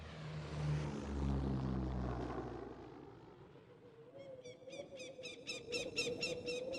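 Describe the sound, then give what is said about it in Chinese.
A propeller airplane flying to Zhangjiakou drones loudly overhead, its engine hum fading away, then a rapid series of high, rhythmic squeaky chirps takes over. “刘浩很顺利地坐飞机来到了张家口”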